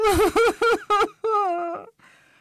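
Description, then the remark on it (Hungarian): A voice mimics sobbing and crying: a quick run of short, quavering whimpers, then one longer drawn-out wail that trails off into a breathy, shaky sniff, fairly loud. “Pic úr újra sírva fakadt, csak úgy potyogtak a könnyei.”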